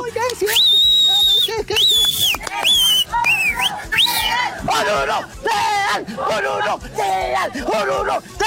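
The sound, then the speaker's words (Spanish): Loud, shrill whistling in several sharp bursts over the first few seconds, followed by a noisy crowd yelling and chanting together. “A ver, silbando. Yo pensé silbar.”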